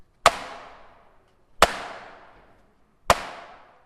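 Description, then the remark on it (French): Three single strikes on a tambourin drum with a wooden hoop and goatskin head, evenly spaced about a second and a half apart, each a sharp, loud crack followed by a brief fading resonance, with no voices. “Et c'est un tambourin qui fait un bruit très caractéristique”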